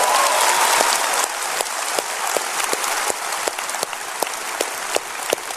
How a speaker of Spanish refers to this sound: ¿Hay gente contenta de estar en la casa de Dios? Dense un grito y un aplauso que yo pueda creer y que otros en Houston puedan creer.